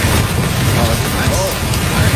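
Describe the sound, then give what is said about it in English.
Rain pours steadily onto a roof, a loud, dense, unbroken hiss with a heavy low rumble beneath it. A faint voice briefly murmurs under the downpour. “Number one is rain on a roof or window.”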